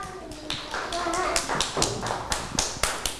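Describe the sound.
Children clap their hands for a young classmate after she tells the class about her holiday activities, a loose, uneven patter of sharp slaps, moderately loud, with a bit of voice mixed in.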